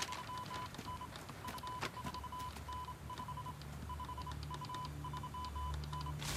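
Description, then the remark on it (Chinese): An incoming telegraph signal, a message from the flanking troops reported to a division commander, taps out a steady high-pitched tone in uneven short and long beeps, running without pause over a low background hum with scattered clicks and no voices. “报告，师长，穿插部队来电。”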